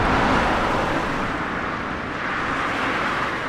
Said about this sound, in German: Laster donnern im brandenburgischen Zossen, etwa eine Stunde südlich vom Berliner Stadtzentrum entfernt, durch die beschauliche Stubenrauchstraße. Eine von Linden gesäumte innerstädtische Allee, Teil der B96,